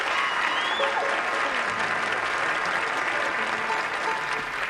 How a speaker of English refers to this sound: We call him Uncle Josh. How about a nice hand for Josh?